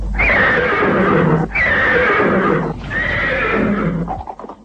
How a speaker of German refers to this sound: Dieses fröhliche Wiehern war zunächst eine ganze Woche lang täglich zu hören und kündigte kurze, nicht mehr als 5 Minuten lange Sendungen an.